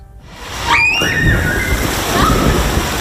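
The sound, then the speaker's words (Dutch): A splash as someone jumps into the Het Bun swimming pool in Urk, just reopened after renovation of its tiles, followed by a steady churn of sloshing water for a few seconds, with a brief high-pitched shout or squeal at the moment of entry. “De verlossende sprong.”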